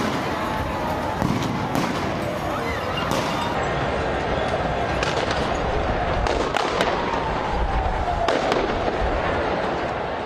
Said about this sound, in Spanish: En los alrededores del obelisco, aficionados se enfrentaron con la policía, que respondió con balas de goma y gas lacrimógeno para dispersar a la multitud.